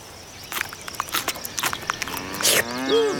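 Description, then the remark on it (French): A cow lets out a low, drawn-out moo that swells toward the end, following a stretch of scattered rustling and crunching sounds. No one speaks. “Les vaches”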